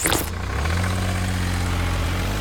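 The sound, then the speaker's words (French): A garbage truck engine rumbles steadily at idle, loud, with a low droning hum and a brief clatter at the start. “Ce camion benne, il récolte les déchets, les écrase pour qu'ils ne prennent pas trop de place.”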